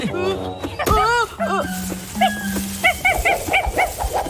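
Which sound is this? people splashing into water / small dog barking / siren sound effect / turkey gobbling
small dog barking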